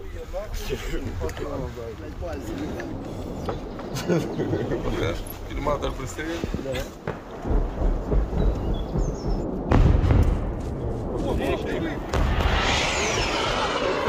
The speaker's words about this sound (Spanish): Misiles de crucero, son cohetes. Maldita sea. Se acerca cada vez más.